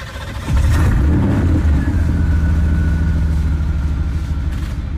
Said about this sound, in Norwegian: En av dem, en NSU Spider fra 1965, med en motor som skiller seg fra de fleste andre. Den skal vi høre mer om etterpå.